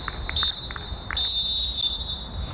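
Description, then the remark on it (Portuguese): A referee's whistle sounds twice, a short shrill blast followed by a longer sustained one, signalling the end of a game, piercing over a low rumble of outdoor background noise. “O apito toca, o jogo termina, olha-se para o placar e quem ganhou foram as crianças de Marvila.”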